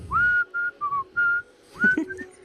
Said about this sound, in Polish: bo to tak jakby jeden kapitan wyszedł na pokład i mówi: słuchajcie, gwizdanie przynosi pecha na morzu, może wywołać sztorm, bo dzisiaj nie gwizdamy.